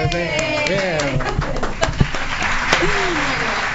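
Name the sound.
applause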